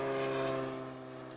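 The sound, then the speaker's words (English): A propeller airplane at an airport drones loudly, its steady harmonic engine hum filling the moment before easing slightly as it moves off. “All the great noise from all of these airplanes.”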